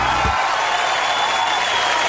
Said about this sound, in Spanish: Pero antes, aplaudamos a rabiar a nuestro gran invitado estelar para el día de hoy.